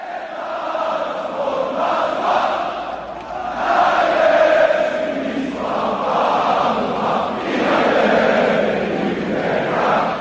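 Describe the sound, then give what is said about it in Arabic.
A large crowd of football fans cheers and chants continuously, a loud, dense roar of many voices swelling in waves with rising shouts, sustained throughout without pause. “تمنيت لو كان هذا الفيديو حقيقيا ولو كنت ربما حتى في قيادة هذه الجماهير المحتفية بكريستيانو، لكن الفيديو ليس حقيقيا مع الأسف.”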